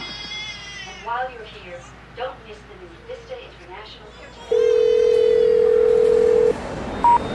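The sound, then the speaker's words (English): A baby cries in short, wavering, bleating wails for several seconds in an elevator full of tourists at the World Trade Center, recorded as sound for a movie, then a loud, steady electronic tone sounds for about two seconds, followed by a brief beep. “And at the time, I remember thinking, I wish that baby wasn't crying. It's spoiling the recording.”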